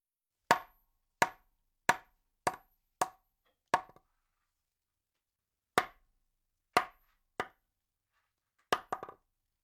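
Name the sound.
knocking on a door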